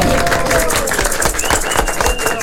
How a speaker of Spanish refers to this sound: Hoy estamos de fiesta. Tengo unos invitados de lujo para que toda la familia ya se concentre, se congregue y aplaude el trabajo del adulto mayor. Quiero recibirles con un fuerte aplauso, por favor, para ustedes. ¡Eso!